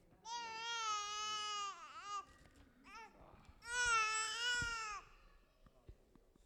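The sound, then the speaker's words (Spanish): A baby boy cries in two long, loud wails with a short whimper between them during a ceremony dedicating the child to God, then quiets to faint background noise. “Está llorando, gloria a Dios.”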